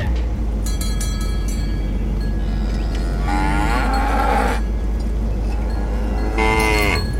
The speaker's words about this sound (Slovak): Brzdi, kravy!